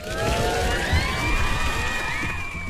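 A large crowd cheers and applauds continuously, with high whistles and whoops rising above a dense roar of clapping and shouting, loud and steady throughout.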